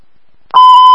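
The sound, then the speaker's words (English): A loud, steady radio dispatch medical alert tone cuts in abruptly after half a second of quiet and holds at a single high pitch with bright harmonics. “Make medical alerts.”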